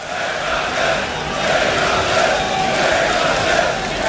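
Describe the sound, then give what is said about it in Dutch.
The large crowd at the Graspop Metal Meeting festival chants in unison, a dense steady roar of many voices with a faint rhythmic swell, loud and sustained without pause. “Het publiek scandeert ook heel mooi, hè?”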